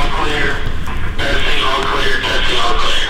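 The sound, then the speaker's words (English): A loud, tinny voice comes over an intercom speaker as construction crews test the intercom system at a new, unfinished hospital outpatient center, garbled and echoing, with a steady rumble of background noise running underneath the whole time. “Construction crews were testing the intercom system when we arrived.”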